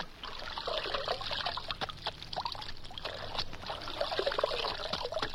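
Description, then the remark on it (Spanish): Water is poured onto a horse's legs and splashes steadily for several seconds, a continuous trickling with uneven spatters, over a faint low hum and no voices. “Le mojaré las patas.”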